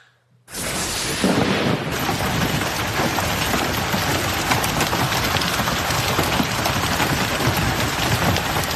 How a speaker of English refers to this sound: You hear that? Stones as big as half dollars hammered a car parked on the street in Colorado Springs, Colorado yesterday.